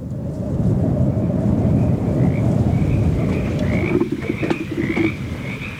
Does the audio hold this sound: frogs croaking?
yes